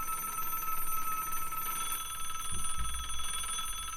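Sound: telephone bell ringing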